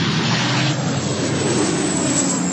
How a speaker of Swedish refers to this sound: På bilder från Reuters ser man människor som har klivit ur sina bilar på en motorväg som står och tittar på när vattenbombningsflyg släpper vatten en bit ifrån dem längs med motorvägen.